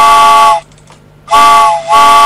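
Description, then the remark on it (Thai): A loud steam train whistle blasts twice, a long shrill tone that cuts off, a brief hush, then a second blast that dips briefly before sounding again, with no talking. “ชั่วโมงที่สองแล้วค่ะคุณผู้ฟังรถไฟขบวนที่สองมาแล้ว”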